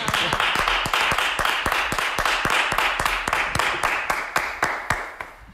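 An audience applauds steadily, a dense wash of clapping with sharp, evenly spaced louder claps cutting through in a quick rhythm, the noise thinning slightly toward the end. No one speaks.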